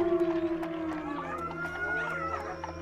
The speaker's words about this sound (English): Sounds like wolves, Princess. Joey, do you have wolves here? Nah, those are just koi dogs, but they don't usually come out this early. Must be on the trail of something.